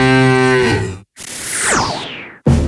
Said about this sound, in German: Finde eine der noch 4 verbleibenden Muhenden Müllermilchflaschen und gewinne 50.000 €.